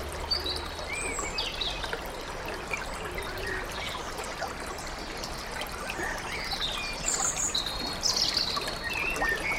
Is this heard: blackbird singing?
yes